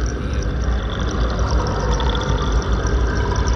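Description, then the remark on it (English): Steady, dense flowing water rushes continuously, a broad churning wash with faint bubbling, no voices and no pauses. “The water holds different voices, different tongues in its endless recycled eddies.”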